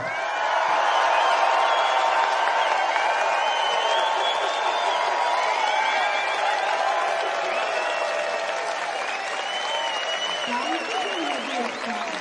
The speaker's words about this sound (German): Denke, ich sage jetzt ihren Namen, dann klatschen ein paar.